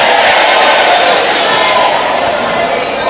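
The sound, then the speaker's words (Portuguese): An audience at a church service shouts together on the preacher's call to shout, in a loud, continuous roar of many overlapping voices that stays steady and intense for about three seconds, with no single voice standing out. “Grita, queima ele.”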